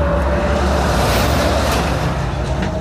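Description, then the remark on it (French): A heavy truck rumbles past on a road where cars travel at about 90 km/h, its loud, steady engine and tire roar swelling briefly over constant traffic noise. “Vu le camion, comment il est passé là?”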